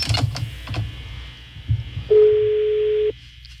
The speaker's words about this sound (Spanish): Está sonando el teléfono, está sonando.